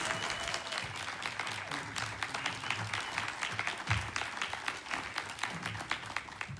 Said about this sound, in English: A hearty round of applause to our special musical guest